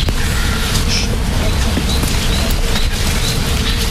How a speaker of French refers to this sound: Des centaines d'abeilles qui sont en train de bourdonner, qui sont en train de butiner.